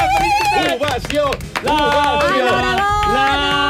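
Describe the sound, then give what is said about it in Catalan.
A loud, sustained burst of clapping fills the space, with many voices whooping and cheering over it, energetic, an ovation greeting the winner of the Premi Crit for best content creator of the year as she arrives on a morning radio show. “Ara la tenim aquí. Ovació!”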